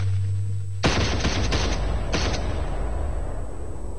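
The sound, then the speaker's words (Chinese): A low hum gives way to a loud, ragged volley of firing-squad gunfire at an execution ground where five prisoners are shot: several shots crack out almost together, a second short burst follows, and a rough reverberant wash lingers afterward. “紧接着便是一阵刺耳的枪声。”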